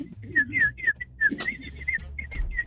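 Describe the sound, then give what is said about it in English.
A person whistles a quick run of short, warbling notes, clear, with a faint low murmur of voices and background noise underneath. “We all know whistle away now. Well, no, go ahead, whistle.”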